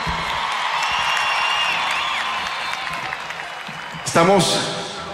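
A crowd applauds steadily with scattered cheers and whistles woven through the clapping, then a louder burst of shouting and whooping rises near the end.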